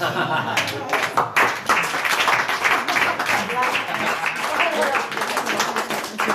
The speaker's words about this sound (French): Et on applaudit la toute dernière de Philippe Battaglia, ouais, dans les Decodeurs.